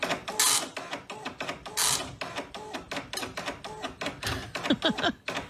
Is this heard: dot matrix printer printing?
yes